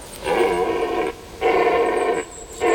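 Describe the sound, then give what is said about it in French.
A stag bellows in three long, strained, mid-pitched calls, each lasting about a second with brief pauses between; the third call is cut off at the end. No one speaks. “Oh, voilà qui se met à hurler. Il a pas l'air commode, l'animal.”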